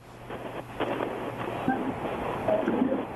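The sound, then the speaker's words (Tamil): Steady, loud rushing wind noise fills the phone line of a caller to a radio programme who is standing in a windy spot, with a low hum underneath and faint, muffled voice fragments breaking through. “இல்லை, ஏதோ இறைச்சல் காற்று அதிகமாக இருக்கிற பக்கம் வந்து நின்று பேசுகிறாங்க அப்படின்னு நினைக்கிறேன்.”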